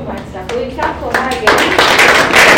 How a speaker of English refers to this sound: Thank you so much, sir. We clap for her again.